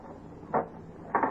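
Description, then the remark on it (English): Two short mechanical clacks, a lone one followed by a slightly longer double knock, as a door is unlocked and swung open, against a quiet hum. “Come in. Hurry. Why did you lock the door?”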